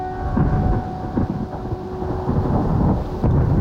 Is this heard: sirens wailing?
no